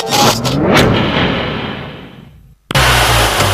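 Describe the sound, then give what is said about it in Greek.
A loud car engine roars and revs up with a sweeping pitch, then fades away as it passes, followed by a sudden burst of dense, rumbling engine noise after a brief silence. “Ακούστε πώς πάει, ακούστε υποδύναμη, ροπές!”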